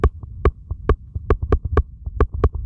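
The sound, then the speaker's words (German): Teeth chattering picked up through a stethoscope placed on the head: a rapid, slightly uneven run of sharp clicks over a low, muffled rumble, with no voices. “Oder wenn ich jetzt mit den Zähnen klappere.”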